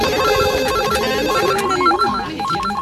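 Several telephones ring at once in a radio studio in Austria as listeners call in for tickets, a dense, overlapping jumble of electronic ringtones and trilling bells, loud and continuous for a few seconds with no one speaking.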